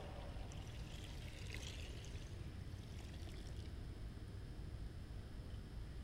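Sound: water being poured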